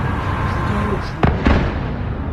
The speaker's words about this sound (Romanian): Scene de coșmar în capitala Ucrainei. Timp de aproape 9 ore, sirenele s-au auzit aproape fără întrerupere, în timp ce explozii au zguduit cel puțin 12 zone ale orașului.